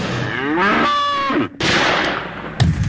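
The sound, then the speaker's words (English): A cow lows loudly and is abruptly cut off by a sharp gunshot with a lingering boom, followed by a second, quieter crack near the end. “Anyhow, I just love shooting things.”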